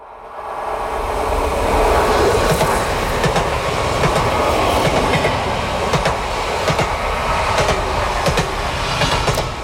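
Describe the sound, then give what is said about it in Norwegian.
A train rolls steadily along the tracks with a loud, continuous rumble, punctuated by periodic clacks from the wheels passing rail joints. No voices are heard. “Vi skal sammen med lyden av den mektige jernbanen.”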